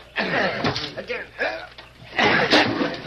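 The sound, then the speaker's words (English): Eight or ten men push a door in, forcing it open with a few loud, rough bursts of banging and crunching. Their strained voices and grunts of effort run through the noise. “8 or 10 of you push that door in and get to work.”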